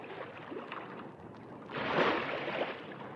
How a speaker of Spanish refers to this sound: El agua empezó a fluir rápidamente por un surtidor. Llenaba el estanque.